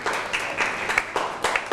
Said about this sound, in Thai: เก่งมากปรบมือให้กับเพื่อนหน่อยครับ